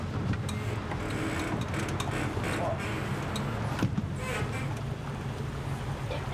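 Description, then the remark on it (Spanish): A motorboat taking tourists on a ride, with room for 12 people aboard and a woman at the helm, cruises on Lake Ulbicas, a reservoir in Romania; its engine drones steadily, a continuous low hum layered with rushing water and wind noise that stays even throughout. “Las lanchas a motor se consideran asunto de hombres.”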